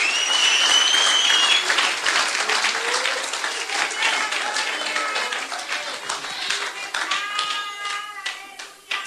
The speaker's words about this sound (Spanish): Un aplauso fuerte al Señor en esta linda noche. Déselo fuerte, déselo fuerte.